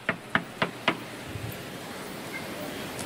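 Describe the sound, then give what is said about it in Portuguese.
Four sharp, evenly spaced knocks on a door ring out in quick succession, then stop, leaving only a faint room hiss behind. “Enquanto eles estavam comendo, enquanto eles estavam se alegrando, os homens daquela cidade começaram a bater a porta.”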